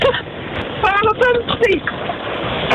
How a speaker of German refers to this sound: Hi, und Landkreis 3. Es hagelt im Auto.